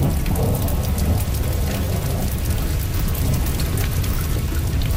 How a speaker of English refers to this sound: But by late evening on February 28, 2022, after weeks and weeks of non-stop wet weather, there's something different about the sound of the rain.